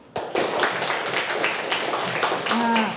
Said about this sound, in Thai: เด็กๆคะเด็กๆนั่งตัวตรงไหนลองปรบมือให้ครูฟังหน่อยค่ะปรบมือ